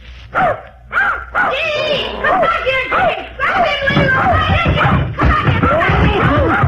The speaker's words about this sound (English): Don't be frightened, Mr. Magruder. Just my nephew's puppy.